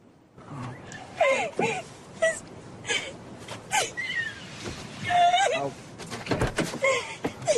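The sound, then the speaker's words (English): A woman in a car sobs hard and emphatically, her wavering, high-pitched wails broken by shaky gasping breaths and whimpers, with a few dull knocks in the background. “Uneasy as Meredith sobs emphatically.”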